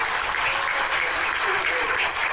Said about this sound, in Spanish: Fuerte los aplausos para ella.